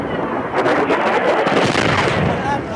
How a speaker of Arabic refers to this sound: القوات المسلحة اليمنية استهدفت مدرج مطار صنعاء الدولي لمنع هبوط طائرة إيرانية جديدة وسط دوي انفجارات متتالية هزت محيط المطار.